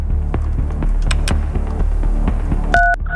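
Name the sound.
telephone dialing a number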